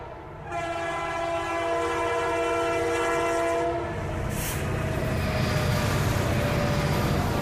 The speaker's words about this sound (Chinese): 走出关中，沿着黄河向东，始建于1904年的陇海铁路，如今已经全面电气化、高速化。黄河上的高铁连通的不仅仅是中国的西部和中原，更是贯通欧亚的大陆桥。